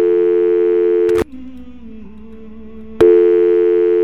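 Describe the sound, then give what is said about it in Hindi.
A loud, buzzy telephone line tone of an incoming call drones steadily, cuts off for nearly two seconds leaving only a faint low hum, then clicks back on at full volume. No one speaks. “हो, हमने गाना पूरा भी नहीं किया था और फोन आ चुका है हमारे पास।”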